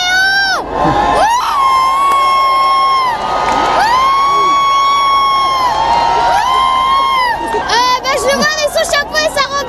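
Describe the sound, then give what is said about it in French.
A large crowd pressed against security barriers, arms stretched out, cheers loudly and continuously as the pope passes standing in his popemobile, with long, high-pitched shrieks and whoops rising over a dense roar of excited voices throughout. “Oui, bien, écoutez, la foule, c'est comme soulevée ici au passage Lyon 14. Le public amassé contre les barrières de sécurité, les bras tendus vers le pape, debout dans sa papa mobile.”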